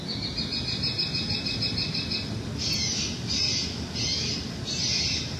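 A loud, harsh recorded bird call from a noise-machine deterrent device repeats in bursts, first a rapid trilling run and then four separate squawking blasts at steady intervals, over a constant low rumble of background noise. The device is used to reduce activity at a property.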